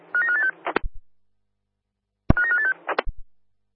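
A telephone rings twice in short electronic warbling bursts about two seconds apart, each followed by a couple of sharp clicks, clear with silence between.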